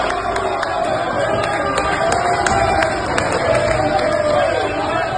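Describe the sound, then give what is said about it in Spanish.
A large stadium crowd roars steadily throughout, celebrating Mexico's second goal against South Africa, a dense wash of cheering voices with scattered sharp claps and whistles cutting through the constant din. “Cayó el segundo gol y la gente celebró nuevamente.”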